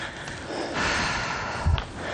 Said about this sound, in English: That's right, folks, we're breathing hard. We apologize. You can hear a lot of wind, a lot of breathing. Whew. We're working.